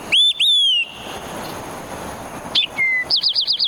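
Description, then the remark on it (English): An olive-sided flycatcher's loud, clear whistled song, said to sound like "Quick, three beers!": two rising slurred notes, a pause, then a short upward note, a level whistle and a quick run of repeated chirps. “The olive-sided flycatcher, a large, stout bird that likes to perch on the top of dead trees, seems to sing out, "Quick, three beers!"”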